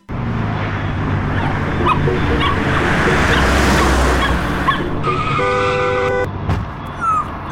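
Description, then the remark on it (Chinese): A small dog that seems to have been hit on the road yelps and whimpers in distress amid loud, continuous street traffic noise, with a run of sharp, high-pitched cries toward the end before the noise briefly drops away. “哎，那只狗狗好像被撞到，怎么办？”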